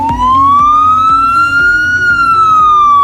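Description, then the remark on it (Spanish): A loud ambulance siren of a SAMUR Protección Civil vehicle wails steadily, its pitch slowly rising and then easing, over a rumbling vehicle engine and road noise, with no one talking. “Casi un centenar de vehículos del SAMUR Protección Civil se han renovado.”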